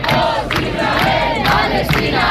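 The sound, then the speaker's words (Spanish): A crowd of a couple of hundred people in Bilbao shouts slogans in support of Palestine in unison, welcoming the crew of the Freedom Flotilla ship, loud and sustained, with rhythmic bursts of voices roughly every half second and a dense background of cheering. “Un par de centenares de personas recibieron a los tripulantes del barco entre abrazos, gritos a favor de Palestina, como escuchan.”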